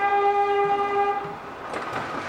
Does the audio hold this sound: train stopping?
yes